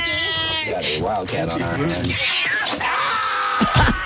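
A cat meows and yowls in loud, drawn-out, wavering cries that rise and fall in pitch, running almost continuously for a few seconds.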